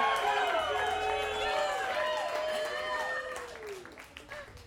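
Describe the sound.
An audience at a live music performance cheers and whoops loudly over steady applause, many rising and falling voices overlapping for a few seconds before the noise thins out toward the end.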